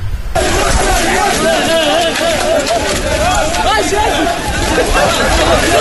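A large crowd shouts and clamors in a loud, continuous din, with the sound of many people running together toward a port, unbroken from start to finish.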